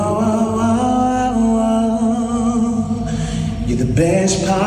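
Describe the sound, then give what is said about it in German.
A 29-year-old singer sings a favourite song in a stairwell, a single voice with a slow, sustained melody, long held notes smearing into a heavy, washing reverb that hangs between phrases, loud and steady throughout. “Das hat schon richtig Bock gemacht mit so viel Hall im Treppenhaus.”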